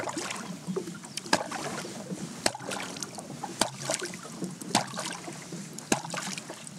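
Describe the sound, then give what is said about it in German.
Five sharp, hard knocks, knocked out deliberately as a rhythm, land at a slow, steady pace, each a crisp percussive crack over a soft bed of lapping water and faint background noise. “Ich klopfe uns mal das Lied vom Wallertod ein.”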